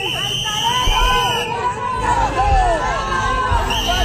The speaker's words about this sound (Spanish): Y esto contrasta mucho con la otra imagen que también vimos y oímos ayer y recuperamos ahora, que son los abucheos, pitos y gritos de vendepatrias al ministro cuando llegó a la delegación del gobierno en Ceuta. España no se vende, y esto es España.